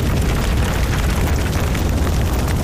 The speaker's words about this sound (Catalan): Si pensem en un incendi forestal i això que sentiu, el foc que crema, la cendra és el residu de la tragèdia, aquell mantell negre que queda quan el foc s'apaga.